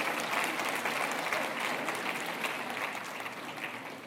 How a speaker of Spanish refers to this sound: Ahora se aplauden, ¿verdad?